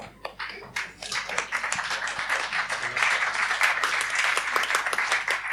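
An audience applauds steadily, many hands clapping in a dense, crackling wash that starts with a few scattered claps and swells to a full, sustained ovation without any talk.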